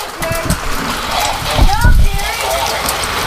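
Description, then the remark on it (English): Small pea-sized and dime-sized hail patters down steadily during a severe thunderstorm warning in Marion County, Ohio, a dense, rattling wash of clicks and splashes, with muffled voices briefly rising over the noise. “That's hail. That's pea-sized hail.”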